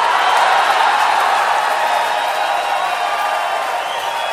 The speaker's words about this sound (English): Flew all the way from the West Coast just to entertain you royally tonight, ladies and gentlemen, to make a live recording with you beautiful Southern people. Let's give a big Atlanta round of applause to the one, the only,